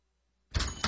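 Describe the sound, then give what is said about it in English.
After a moment of silence, Charles Barkley knocks twice on the Capital One Bank guy's door, sharp and fairly loud, with a clattery ring filling the gap between them. No one speaks. “Knock, knock, Capital One Bank guy.”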